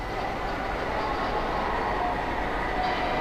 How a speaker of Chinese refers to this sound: 好的，主持人，那我现在呢就是在重庆火车北站的候车大厅。那么大家可以通过我们的镜头看到，现在整个大厅的客流呢其实是比较平稳的